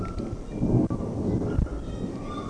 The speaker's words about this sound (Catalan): Doncs com si fora trons, però que no acabaven tampoc de formar-se, sonaven com molt lluny i ha plogut, però podem dir que ha estat de manera anecdòtica.